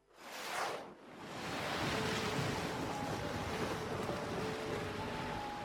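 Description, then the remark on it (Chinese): Sea waves surge and crash in a continuous roar while a howling sea wind gusts and whistles across the microphone. It is an afternoon of rising tide as dark storm clouds approach. A loud, steady, blustery seaside wash with a brief swell at the start. “这一天下午，呼啸的海风卷起海浪，远处天边黑云不停地逼近，白色的银蛇穿梭在黑云之中。”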